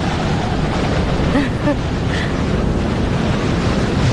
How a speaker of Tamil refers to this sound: அங்க பாத்தியா, இது வரைக்கும் யாருமே பாத்திருக்க முடியாத ஒரு பயங்கரமான புயல் வீசிக்கிட்டு இருக்கு. இத பாக்குறது ரொம்ப அபூர்வம்.